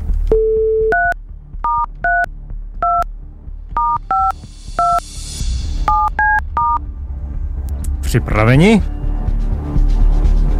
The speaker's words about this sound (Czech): Tak se do toho dáme, protože já už to vím taky a vidím telefonní číslo, které mám vytočit, a dám se do toho.